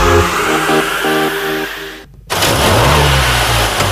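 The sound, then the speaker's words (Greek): A car, said to have been serviced at Thanopoulos Service, revs and accelerates, its harmonic drone climbing in pitch, then cuts out briefly before roaring back loud and steady with a deep low rumble. “Ακούστε πώς πάει, ακούστε υποδύναμη, ροπές!”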